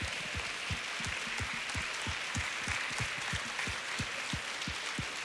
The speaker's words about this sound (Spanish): ¿Qué le parece si le damos un aplauso al Señor? Porque Él merece toda honra y toda gloria.